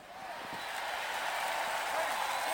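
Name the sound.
crowd cheering and applauding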